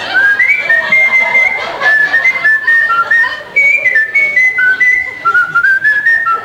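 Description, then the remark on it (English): A woman whistles a wandering tune into a telephone, clear and steady for several seconds, the thin notes sliding up and down with a slightly compressed, telephone-like quality and no talking. “And I said, well, we have to get you to whistle a tune into the phone. And like an idiot, she did. She started whistling.”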